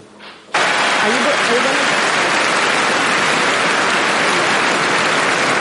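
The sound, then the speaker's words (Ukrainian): A brief quiet moment gives way to loud, sustained applause from a large tennis crowd in Paris at Roland Garros, for Ukrainian players Elina Svitolina and Marta Kostyuk, a dense steady wash of clapping that continues unbroken to the end. “Ці оплески в Парижі для України і її перших ракеток Еліни Світоліної і Марти Костюк, які вперше в історії увійшли до чвертьфіналу одного з найпрестижніших тенісних турнірів планети.”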